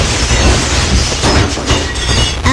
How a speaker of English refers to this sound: Uh-oh. I broke the window. Okay, quick. Glue? No. Tape? No, it's shattered.